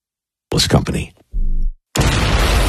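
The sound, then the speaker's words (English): A loud fireworks-style explosion bursts out as a sustained, roaring wash of noise, preceded by a brief vocal sound and a low rumbling tone. “Some fireworks, huh? You feel that?”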